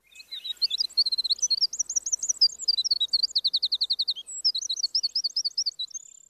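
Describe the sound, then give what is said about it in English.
A Cordillera Azul Antbird (scientific name Myrmoderis E.O. Wilsoni) sings alone, a rapid, continuous run of high, bright notes delivered in quick rhythmic bursts, clear for about six seconds. “Wilson commenting on the Cordillera Azul Ant Bird, scientific name Myrmoderis E.O. Wilsoni.”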